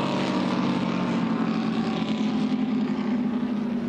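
The engine of the racing boat She's a Screamer, a 2013 Sensation 36 sport boat, roars loudly and steadily, a dense, throaty drone with a low rumbling hum that holds constant throughout, with no voices.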